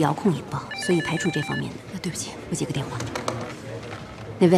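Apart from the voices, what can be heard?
telephone ringing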